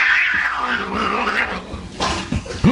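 A cat in a cat video growls and yowls, a drawn-out, wavering cry that rises and falls for a few seconds before ending in short, sharp bursts. No one speaks.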